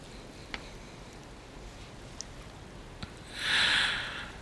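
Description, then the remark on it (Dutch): A poet gives a single short, breathy cough near the end, fairly loud, after a quiet stretch broken only by a few faint clicks. “Hierna hoest de dichter kort.”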